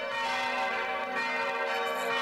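All the church bells of Bruchweiler ring together in full peal, their overlapping metallic tones forming a dense, continuous wash of sound that stays loud and resonant throughout, with no voices.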